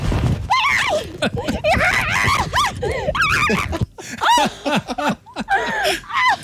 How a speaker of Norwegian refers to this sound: Dette må vi søke opp. Sau nekter å ta medisin sin. Det NRK Sørlandet.